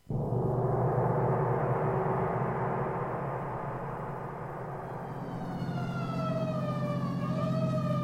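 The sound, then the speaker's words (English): A heavy engine rumbles steadily throughout, and an emergency vehicle siren begins wailing in the second half as the vehicle heads to an alarm on Pine Street, its tone sliding up and down over the motor noise, loud. “So why the siren?”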